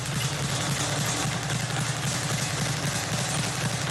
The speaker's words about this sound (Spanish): Esos son los golpes, ¿no? Eso es con la pera de boxeo. Ese es dando a la pera